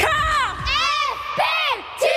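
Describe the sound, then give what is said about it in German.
A group of under-14 girls at basketball training screams and cheers loudly, high shrill voices rising and falling in overlapping bursts with brief dips between them. “Danke fürs Schreien.”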